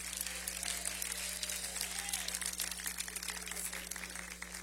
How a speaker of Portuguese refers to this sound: Bem alegre, bem forte, aplausos para Cristo.